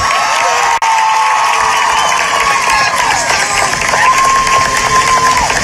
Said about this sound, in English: The crowd also erupted in cheers when … name was called.